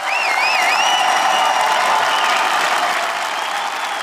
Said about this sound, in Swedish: Jubel bland invånarna nu på eftermiddagen som samlats utanför parlamentet när Peter Madjar sågs in som premiärminister för en liten stund sedan.